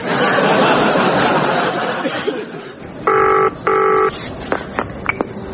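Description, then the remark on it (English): A telephone rings with a loud double burst, two short electronic trills in quick succession, after a stretch of indistinct background chatter and laughter, followed by a few soft clicks. “You don't normally ring me at weekends.”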